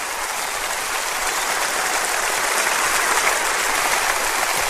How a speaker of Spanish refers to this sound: Dele un aplauso a nuestro Señor.